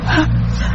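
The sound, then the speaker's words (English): One quick, forceful sneeze bursts out at the start, then fades into a steady low hum that continues to the end. “Bless you.”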